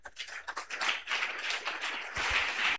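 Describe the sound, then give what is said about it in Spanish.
A crowd applauds steadily for Christ Jesus, with dense overlapping hand claps that stay loud and sustained throughout, with no voices heard over the clapping. “¡Aplauso para Cristo Jesús!”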